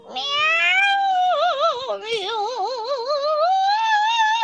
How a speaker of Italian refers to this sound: Chi è? E che sono? Un'invasione. Un'invasione di gatti.